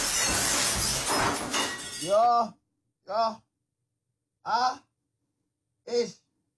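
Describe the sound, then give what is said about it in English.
A glass jar of pasta sauce falls from the end of a shelf and smashes on a white-tiled floor in a loud, roughly two-second crash of shattering glass, followed by four short, strained vocal gasps spaced apart by silence. “I broke it. Just smash on the floor.”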